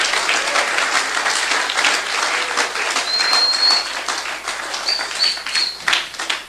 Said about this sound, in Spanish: Dele palmas a Cristo. ¡Oh, gloria!